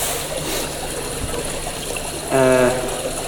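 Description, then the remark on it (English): Water for drinking trickles and splashes briefly into a glass in a soft pour, with a short, brighter ringing burst near the end and no one speaking. “Oh yeah, take a sip of the water if you like, just to wet your palate.”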